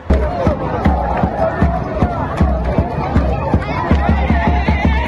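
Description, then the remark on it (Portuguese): A large, loud crowd of Congo football fans in Kinshasa celebrates their team's World Cup opening draw with Portugal, with continuous cheering and chatter, steady rhythmic beats like drums or clapping pulsing through the noise. “Essa alegria toda é da torcida do Congo, que empatou na estreia com Portugal.”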